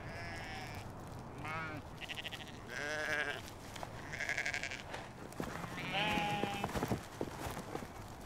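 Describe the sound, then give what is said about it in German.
Sheep of an ancient domestic breed adapted to the Scottish Highlands bleat with their lambs, born early in the year, the high, wavering cries of lambs overlapping with lower calls from the ewes, several in a row over a steady outdoor background murmur. “Früh im Jahr kommen die Lämmer zur Welt. Die Schafe gehören zu einer uralten Haustierrasse, die sich an die harten Bedingungen der schottischen Highlands angepasst hat.”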